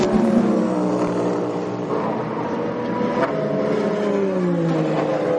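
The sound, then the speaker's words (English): An LMP2 race car engine with a paddle-shift gearbox revs loudly and continuously, its high whining pitch climbing and then dropping as it sweeps past, with no voices. “Love these cars, they're just fantastic to watch.”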